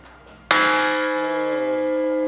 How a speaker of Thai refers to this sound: ตรงนี้เป็นระฆังระเบิดเป็นไฮไลท์สำคัญแห่งจุดหนึ่งของวัดลูกระเบิดสมัยสงครามโลกครั้งที่2นะครับ